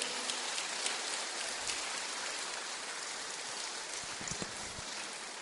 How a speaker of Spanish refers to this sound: Aplauso para todas las mamás, aplauso.